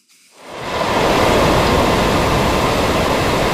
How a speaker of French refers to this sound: C'est un drame dont la portée se transpose mal en son. Difficile d'imaginer la force de ce torrent d'eau qui cascade dans les rues défoncées, contournant des maisons assiégées.